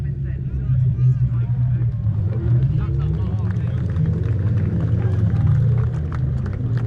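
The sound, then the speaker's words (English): Racing sidecars roar around the track in a steady, deep engine drone that holds for several seconds, with a murmur of crowd voices mixed underneath. “I think you can just hear the sidecars are just making their way around the track here.”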